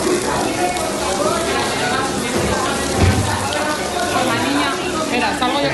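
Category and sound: nature, water pouring down walls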